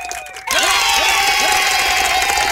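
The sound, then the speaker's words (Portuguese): A loud round of applause erupts after a brief quieter moment and holds steady to the end, mixed with crowd cheering and a few rising whistle-like calls. “Eita, salve de palma aí, rapaz.”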